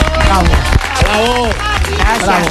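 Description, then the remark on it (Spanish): A burst of applause, steady and fairly loud, with voices calling out and talking over the clapping throughout. “Señores, fuerte el aplauso”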